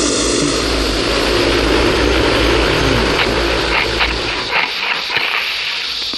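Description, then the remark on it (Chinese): Propellers of a fertilizer-spreading aircraft whir loudly and steadily, a dense droning hum that holds throughout, wavering slightly toward the end, with no voices. “这不用人，那这照样的，这飞机还在倒着倒的很好。”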